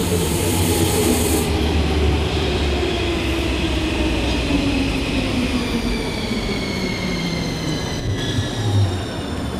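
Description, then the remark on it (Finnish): A metro train arrives and rumbles along at steady volume, wheels grinding and squealing on the rails while the motor whines up and down in pitch. No one speaks. “Tuolta näyttää tulevan mun metro.”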